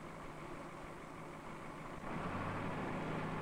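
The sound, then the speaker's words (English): The heavy engine of a just-started machine idles with a steady rumble while warming up, then settles into a slightly louder, deeper hum about two seconds in. No voices are heard. “Harry starts the machine in order to judge the problem. While he waits for the engine to warm”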